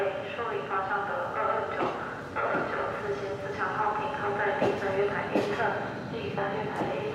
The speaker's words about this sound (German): Weiter geht's Richtung Süden im Intercity. Auch dieser Zug ist recht neu und seit 2021 im Einsatz.